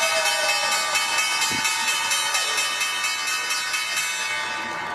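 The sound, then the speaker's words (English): The New York Stock Exchange closing bell rings loudly and continuously to end the trading day, a steady metallic clangor that holds unbroken for the full five seconds over a faint background murmur. “The bell is bringing an end to the trading day at the NYSE A10 Networks, ringing the bell, and at the NASDAQ, Legence doing the honors.”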